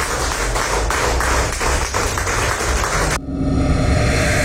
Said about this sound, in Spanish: Estamos bendecidos y le damos al Señor una ofrenda de palmas.